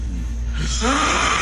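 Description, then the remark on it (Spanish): A man snores loudly in his sleep, a single rough, rasping breath that swells from a low rumble into a harsh, wheezy drone, unaccompanied by talk. “Este señor, ¿está poseído o está roncando?”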